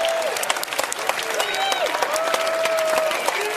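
An audience at a Schlager music event claps steadily in a dense, continuous burst of applause as a performer is introduced, with scattered cheers and a few high gliding whistles rising above it throughout.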